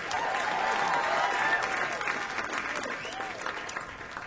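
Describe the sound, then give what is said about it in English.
A crowd applauds the horn section at a concert, a steady, dense wash of clapping that holds strong before easing slightly, with faint cheers and scattered voices mixed in. “And give it up for the horns.”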